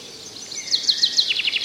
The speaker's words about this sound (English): Blackbird singing in the dead of night. Last bird you'll hear in the evening. First bird you'll hear in the morning.